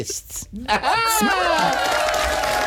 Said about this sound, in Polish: Klaskania nigdy za dużo. Ale fajnie. Klaskacze chyba cię polubili